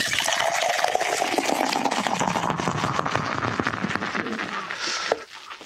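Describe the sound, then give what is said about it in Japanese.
Sapporo Draft Beer Black Label being poured vigorously into tumblers held in one hand: a steady, splashy, fizzing rush of liquid that holds for about five seconds, rising slightly in pitch as the glasses fill, then stops abruptly. “ビールも一緒に注ぎましょう。じゃあタンブラーを片手に持っていただいて、はい、勢いよくお願いします、はい、では参ります。”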